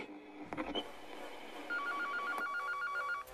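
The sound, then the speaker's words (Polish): A telephone rings for an incoming call with a fast, warbling electronic trill that starts partway through and keeps going steadily, loud, after a few brief clicks and faint noise at the start. “Cholera, my mamy następny telefon?”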